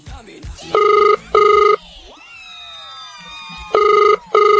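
A telephone rings on an outgoing call to a woman in Alegria, in a double-ring pattern: two quick electronic bursts, a pause with faint background noise, then two more bursts. The ringing is loud and clear, with no talking.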